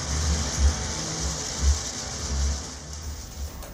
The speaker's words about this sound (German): So wie der Song begann, so endet er mit einer Dusche.